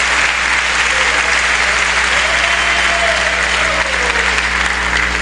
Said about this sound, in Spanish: Yo siento a Dios, hermano. Dele fuerte el aplauso a este Dios maravilloso.